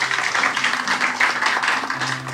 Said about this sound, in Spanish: Vamos a dar fuerte aplauso al Todopoderoso y, como no, también.